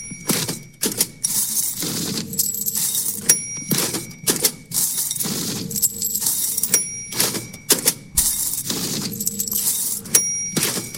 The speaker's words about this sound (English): they took into Abbey Road Studios a cash register, a toy cash register, nonetheless a toy cash register, an electric dollar bill counter, a bowl of change, and paper checks to recreate this.